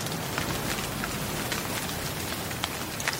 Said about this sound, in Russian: Ой, какой дождь. Так и не погуляли. А давай забежи в библиотеку. Побежали, там можно спрятаться от дождя.